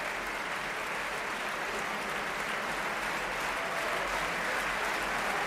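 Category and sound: crowd, concert audience applauding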